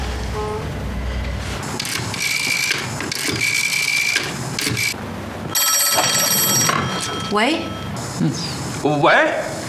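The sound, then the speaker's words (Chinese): A telephone bell rings in several bright, trilling bursts separated by short gaps. Soft movement sounds come between the rings, and voices speak briefly at the end. “你先接，接完了你再给我，免得让他知道我在等他电话。”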